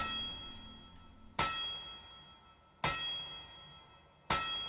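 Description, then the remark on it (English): A hammer strikes metal three times at an even, unhurried pace, as heard at the very end of the credits of Marvel's Endgame. Each blow lands as a sharp, bright clang, and a high metallic ring hangs on between strikes. No voices are heard. “But at the very end of the credits, audiences heard the familiar sound of metal being struck with a hammer.”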